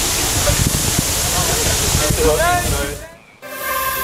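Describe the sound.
Police water cannons in central Berlin, Germany, spray water to cool people during a heatwave: a loud, steady rush of spraying water hisses for about three seconds, with crowd voices and shouts mixed in, then cuts out briefly before a different background resumes.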